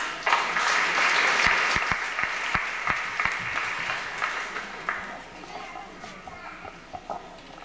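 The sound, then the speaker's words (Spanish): A crowd claps loudly at first, then the applause thins out into scattered, fading claps over several seconds, with faint voices murmuring underneath. “Un aplauso también.”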